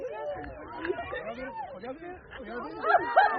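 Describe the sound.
A crowd of about 160 eclipse enthusiasts in Burgos, Castile and León, Spain, on the line of totality, chattering and exclaiming at once as the sky darkens during a total solar eclipse, a dense overlapping babble that swells near the end into louder, higher-pitched cries and cheers.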